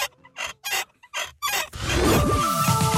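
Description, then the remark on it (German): A rusty, creaking squeak from the neck of a nodding dachshund toy (Wackeldackel) from the 1970s–80s, kept 20 years in a cellar, repeats in four or five quick rhythmic bursts, then turns into a longer, louder grinding squeal with pitches sliding up and down. “20 Jahre im Keller, da kann es schon mal etwas verrostet quietschen im Genick.”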